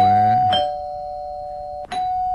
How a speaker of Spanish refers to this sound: Así sonó, ¿verdad? Mira, tenemos nuestro timbre.